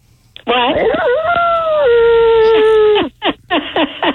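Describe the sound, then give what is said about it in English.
A person imitates a wolf, letting out one long, loud howl that rises, holds, then steps down in pitch before breaking off into a few short voiced yips. “you ever bark at the moon with a wolf?”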